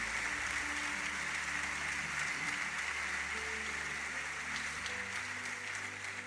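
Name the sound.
audience applause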